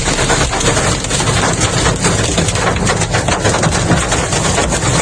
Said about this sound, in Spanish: Así sonaba el granizo en Hellín